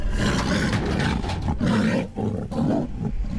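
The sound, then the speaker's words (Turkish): A tiger in Kazakhstan, Ümit, fitted with a GPS and GSM satellite tracking collar, roars loudly, a deep rumbling growl that continues for a few seconds with two brief dips before swelling again. No one speaks. “Ekipler fotokapanlar ve modern izleme yöntemleriyle kaplanı 24 saat boyunca gözetim altında tutacak.”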